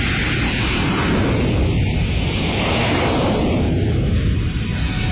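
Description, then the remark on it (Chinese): An aircraft taking off: a loud, continuous jet roar with heavy low rumble and a broad hiss on top, holding steady for the whole stretch with no voices. “飞机的完美升空。”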